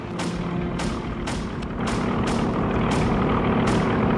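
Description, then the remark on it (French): A loud, steady engine roar with a rhythmic throbbing pulse from American propeller warplanes descending low and passing close overhead, growing slightly stronger toward the end. “Vache, les avions américains! Ils descendent tout près!”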